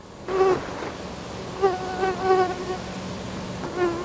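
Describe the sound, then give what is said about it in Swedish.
A mosquito buzzes steadily for a few seconds, its whining drone rising and falling in pitch and loudness as it moves about. No voices are heard. “Det verkar som att vi inte behöver utsättas för allt för många myggor den här sommaren.”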